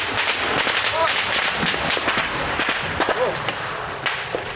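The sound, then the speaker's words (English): Ukrainian soldiers on the front lines fire at a Russian drone above: repeated sharp cracks of gunfire ring out in irregular bursts over a steady, noisy rush of wind and background hiss, with faint voices mixed in. “The Ukrainians open fire.”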